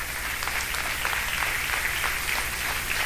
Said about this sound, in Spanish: Le damos un aplauso, Señor Jesús.